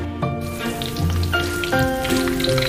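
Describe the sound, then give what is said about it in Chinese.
Milk dumplings for fried milk deep-frying in hot oil until golden on both sides give off a steady, dense crackling sizzle with fine rapid pops, running continuously under soft sustained musical tones, with no talking. “滚油入锅，把奶包炸至两面焦黄，奶包上浮，便可起锅。”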